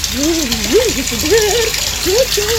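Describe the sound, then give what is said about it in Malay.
Water runs steadily in a continuous hiss, as from a tap or shower during bathing, while a voice talks with rising and falling pitch over it. “Aduh, ini namanya pemborosan. Tidak hemat air.”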